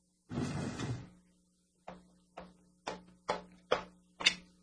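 A chair scrapes briefly across the floor as it is moved away from a window to the other end of the room, followed by a run of six evenly spaced wooden clunks, moderately loud, with no voices.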